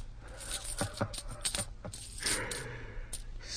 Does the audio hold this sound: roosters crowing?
no